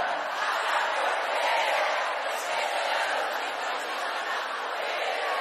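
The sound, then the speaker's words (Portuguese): A large crowd shouts "Ô, mãe!" in unison in answer to a performer, a loud, dense roar of many voices that carries on steadily for several seconds. “Mais alto! Ô, mãe!”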